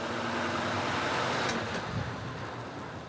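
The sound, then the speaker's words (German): The engine of Florian Rothe's truck runs steadily with a broad, rumbling drone and low tonal hum, holding at an even loudness before easing off slightly toward the end; no voices. “Vielleicht dauert es also gar nicht mehr so lange, bis sich auch bei Florian Rothe dieses Geräusch in ein leises Summen verwandelt.”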